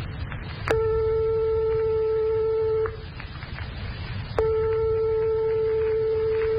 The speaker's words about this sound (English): But suppose we strike two tones 1/100th of a tone apart, like this.